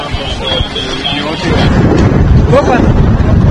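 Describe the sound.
Loud, gusty wind roars and buffets the microphone with a deep rumble, surging stronger after the first second and holding steady, in an area where a wildfire is spreading; faint voices may be buried beneath it.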